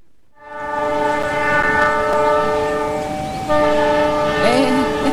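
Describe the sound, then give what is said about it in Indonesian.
A train horn blares in a long, steady chord of stacked tones, shifting pitch partway through, with rumbling wheels and rail noise underneath. The train passes without stopping over a level crossing where a motorcycle is on the crossing. “Kok keretanya nggak berhenti sih?”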